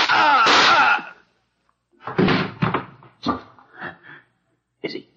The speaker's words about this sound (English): No. I just shot him through the shoulder. The shock knocked him out.